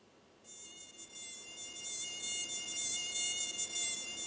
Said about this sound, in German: Immer wieder mal landet im Sommer eine Mücke auf ihrer Haut. Ja, und Sie bemerken dies erst, wenn der Blutsauger schon gestochen hat.